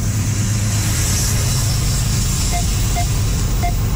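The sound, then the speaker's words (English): A CN train that encountered a fire rolls past in the riding of Lise Vaugeois, with a steady, loud low rumble and a continuous broad roar, while a few short, high-pitched tones chirp briefly near the end. No one speaks. “That's some of the sound from this CN train that you can find online as well.”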